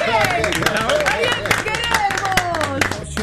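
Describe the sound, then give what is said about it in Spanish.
A crowd applauds the number one spot on a program, with dense, steady clapping throughout, mixed with lively voices and whoops rising over the claps. “Hay que aplaudirlo antes que no hay que aplaudir.”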